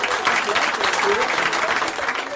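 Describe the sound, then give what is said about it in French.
A dense burst of audience applause for someone who passed a difficult diploma this year, many hands clapping steadily and loudly for the full couple of seconds without letting up. “On va lui faire un tonnerre d'applaudissements.”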